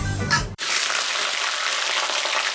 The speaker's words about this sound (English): Mmm, that's delicious New Zealand steak sizzling in the pan.